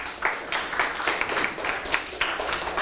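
crowd, classroom applause

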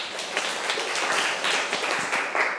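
crowd, students clapping

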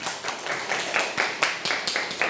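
crowd, classroom clapping

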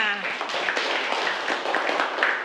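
crowd, students clapping

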